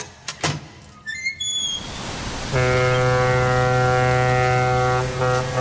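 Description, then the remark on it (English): A door creaks open with a thin, wavering squeal after a sharp knock, then a loud, steady horn of a ship about to sail drones over a low rumble until the end. “It's all right, I'll get the door.”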